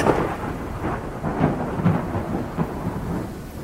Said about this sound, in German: Ein Blitz? Gibt es hier Gewitter?